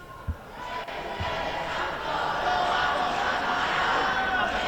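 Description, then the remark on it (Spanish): A crowd of people behind a police cordon shouts and yells continuously as it approaches, in a dense, rising roar of many voices, with a couple of sharp low thuds early on. “Y de fondo pueden escuchar los gritos de todas las personas que detrás del cordón policial se están acercando”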